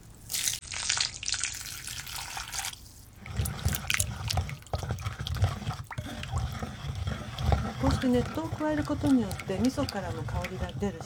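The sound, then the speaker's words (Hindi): Hot water pours steadily into a bowl holding a mixture of sesame seeds, fish and miso paste for soup, 500 millilitres added in two parts, a rushing splash that shifts to a lower, fuller gurgle as it fills, with a voice audible over the later part. “इस मिश्रण में 500 मिलीलीटर गर्म पानी दो भागों में डालिए।”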